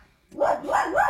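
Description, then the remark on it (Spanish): Puppies watching the show Buenos Días América on YouTube bark in three quick, high-pitched yaps in a row, each rising and falling, loud and with no talking over them. “Ahora los cachorritos viendo Buenos Días América.”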